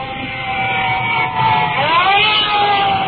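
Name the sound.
fire truck sirens approaching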